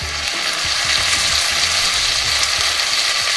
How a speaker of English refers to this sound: This is supposedly one of the most satisfying food sounds. The sound of sizzling bacon.